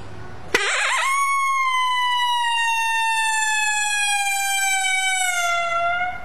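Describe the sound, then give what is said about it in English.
A single long, lonesome howl made as an imitation of a coyote call: it starts with a sharp onset, holds a steady, reedy pitch for several seconds while sliding gently downward, then slowly breaks off. Loud, with nothing else. “It just kind of goes like a lonesome howl. And I'll do a lonesome howl here, and the like a long howl.”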